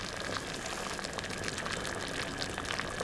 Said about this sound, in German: Zum Sieden benötigt ein Becher mit Wasser die ständige Zufuhr von Wärme. Die Wassermasse verringert sich aber auch ständig durch den aufsteigenden Dampf.